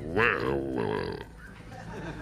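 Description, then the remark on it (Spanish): A voice imitates a wild boar with a single harsh, throaty grunt lasting about a second, loud and buzzing with rough low harmonics, then trailing off into quieter noise. “Jabalí, mientras narro, no va a poder ser. Vale, pues narra o... Bueno, pararé y pondré ruido.”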